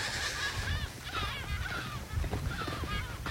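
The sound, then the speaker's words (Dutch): Gulls from a colony just behind call over and over, harsh laughing cries overlapping one another in a noisy chorus against steady outdoor rumble, in dunes. “Terwijl we uitgelachen worden door de meeuwen uit de kolonie hier vlak achter.”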